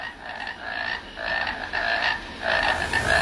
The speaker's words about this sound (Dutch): We horen een concert van kikkers, maar wie zijn dat? Welke kikkers horen we hier? Schijftongkikker. Het is een oorverdovend lawaai.